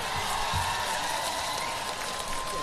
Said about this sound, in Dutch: Applaus voor jullie man.